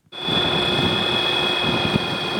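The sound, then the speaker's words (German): A small propeller plane driven by a battery-powered electric motor hums past, barely audible, with a steady, high-pitched motor whine over a soft, even drone, holding constant throughout with no voices. “Flugzeug hört man kaum, denn es wird von einem Elektromotor mit Akku angetrieben.”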